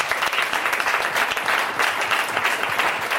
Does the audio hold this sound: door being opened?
no